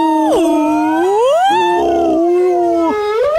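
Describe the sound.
A voice imitates a humpback whale call with loud, drawn-out moaning tones that swoop up and down in pitch, breaking briefly between glides, with no talking.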